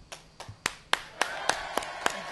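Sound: people clapping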